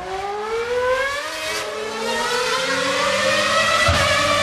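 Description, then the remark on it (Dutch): A race car engine screams at high revs, its pitch climbing and shifting through gears as it roars past, loud and continuous with no voices. “We gaan een beetje gaan racen, want iedereen is morgen zondag welkom op de tweede autoslalom hier in Nienoven.”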